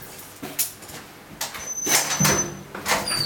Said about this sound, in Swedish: Det är nog en påverkning det, att man lockar igen en dörr som du inte kan öppna från insidan. Och det är lite i sakens natur när du låser en celle, och säkert ändå mer påkänning för en ungdom än det här för en vuxen.